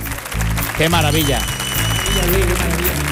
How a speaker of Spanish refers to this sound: Querido público, queridos oyentes, queridos calambres, 195 programas hacemos con el de hoy. Un número yo creo que importante, un número con premio que se merece este aplauso de nuestro maravilloso público.